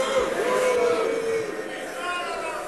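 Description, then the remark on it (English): A large crowd at the annual gathering of the Conservative Political Action Conference in Texas booing loudly and steadily, a dense wall of jeering voices with one drawn-out boo standing out near the start, sustained throughout the short moment. “That's the crowd at the annual gathering of the Conservative Political Action Conference in Texas earlier this year.”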